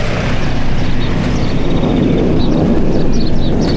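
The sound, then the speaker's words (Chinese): A loud, steady roar of an airplane about to land, passing close overhead, a dense rumbling wash of noise that holds its full strength for the whole few seconds, with no voices. “这吼声比我前两天听的那个飞机的吼声大多了”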